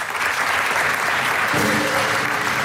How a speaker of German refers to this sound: Und ihr kriegt einen großen Applaus für das Finale hier, was wir auf die Böen habt.